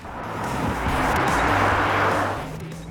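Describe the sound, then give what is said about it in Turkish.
The supercharged engine of a Mercedes SLK car revs up and accelerates, a steady low growl with a broad roar that swells louder through the middle before easing slightly, with no talking over it. “Arabayı güzel bir şekilde hızlandırıyor. Bu süper şarjlı motor düşük devirdeki sesiyle ünlü ve 2 litreden daha çok 2,5 V6 gibi hissettiriyor.”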